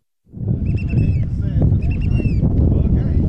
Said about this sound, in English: Some two dozen people carefully hop from a large boat to a smaller one, and then onto a rocky island in the middle of Lynn Canal. The wind is whipping, and the boat lurches in the waves.